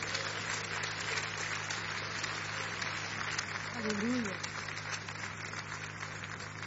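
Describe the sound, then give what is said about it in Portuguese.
A church audience applauds for Jesus during a worship service, dense overlapping clapping forming a continuous wash of sound for several seconds, with a brief voice rising above it partway through. “Vamos recebê-la com aplauso para Jesus.”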